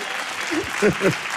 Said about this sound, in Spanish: Gracias. Un fuerte aplauso para todas las niñas y los niños del programa de Un Nuevo Sendero hasta el Manantial.